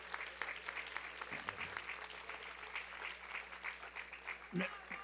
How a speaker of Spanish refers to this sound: Casi, ¿por qué no le damos un aplauso a don Raimundo? Él ya no está, pero sí está.